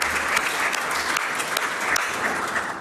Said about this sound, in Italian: alla signora Franca che è collegata con noi, a cui vi propongo di fare un applauso affettuoso.